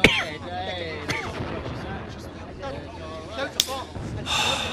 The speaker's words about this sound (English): I sit and listen to them. Like approaching thunder that will bring a refreshing spring shower. What is it? Bombs? The Allies? It is the Allies. It is the sound of hope.